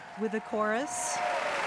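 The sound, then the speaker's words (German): An opera audience at the Metropolitan Opera applauds the chorus as it takes its bow on stage, a steady, dense wash of clapping, with a voice briefly speaking over it at the start before the applause continues alone. “Und auf der Bühne der Metropolitan Opera nimmt gerade der Chor den Beifall entgegen.”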